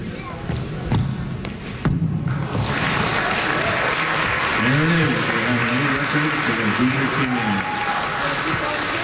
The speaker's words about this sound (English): It's also the third annual Indigenous Summer Games in Yellowknife this weekend. I stopped by during the 2-foot high kick yesterday, and there was a packed crowd cheering the athletics on.